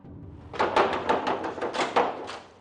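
Rapid, insistent knocking on a door: about eight or nine firm raps in a quick, slightly uneven series, fairly loud, with no voices.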